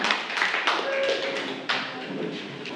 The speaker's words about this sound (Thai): ปรบมือให้กับกลุ่มที่2ของเราค่ะขอบคุณค่ะ